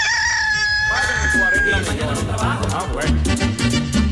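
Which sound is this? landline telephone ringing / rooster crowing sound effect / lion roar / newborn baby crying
rooster crowing sound effect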